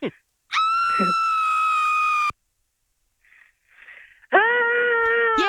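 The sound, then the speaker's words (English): A piercing, high-pitched scream is held for about two seconds and cuts off. After a quiet gap, a lower, deeper voice imitates it with its own loud, sustained scream. “We're going to play a scream for you and then you're going to try and copy it, okay?”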